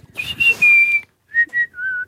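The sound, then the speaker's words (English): A person whistles a birdlike call: a long, clear, slightly falling high note, a brief pause, then two short chirps and a lower held note. No one speaks. “I just imitated a bird. Mm, what was the bird? It kind of went, that's it.”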